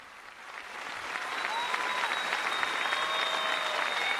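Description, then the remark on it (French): An audience of the diocese of Tenerife applauding Pope Leo during his visit, a steady, dense wash of clapping that swells over the first second and holds loud, with faint whistles or cheering tones drifting through. “Le sourire du pape Léon, les applaudissements, la joie de l'Assemblée.”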